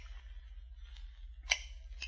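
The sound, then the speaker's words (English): Shears clip small edges off gold coins in a workshop: a few crisp metallic snips, fairly quiet, spaced irregularly over a low steady hum, with the sharpest cut near the end. “Here, they divested themselves of garments necessary to robbing on the road, placed them in a trunk, took out a pair of shears, and went to work.”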